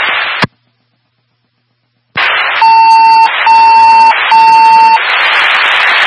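Fire dispatch alert tones over a radio channel, sent ahead of a call dispatching engines, a quint and a medic unit to a possible structure fire: three steady, evenly spaced electronic beeps cut through loud hissing static, after a burst of static and a brief silent gap.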